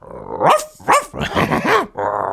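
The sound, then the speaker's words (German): A human voice imitates a dog, first a small dog and then an ever bigger one, producing a series of rough barks and throaty growls in quick succession, fairly loud, ending in a sustained snarling growl. “Der Tiergeräusche. Ja, mache ich auch, wenn wir Musik machen immer, …. Richtig. Ja, ja, leg mal los. Hund.”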